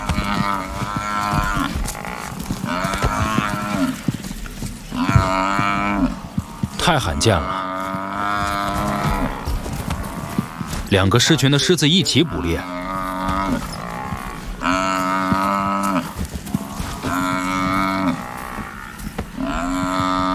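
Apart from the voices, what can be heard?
african buffalo bellowing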